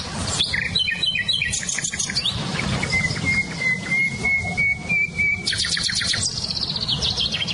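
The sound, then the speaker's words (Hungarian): Several songbirds, including a nightingale, blackbird, chiffchaff and blackcaps, sing at once: a sustained whistled note, rapid chirping trills and bright warbling phrases overlap continuously against a low, steady outdoor background, with no one speaking. “nem csak a fülemüle hallatszik ki, hanem például a fekete rigó, csircsapfüzikének nagyon erős hangja van, vagy barátposzátak”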